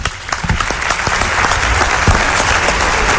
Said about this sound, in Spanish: Un aplauso para él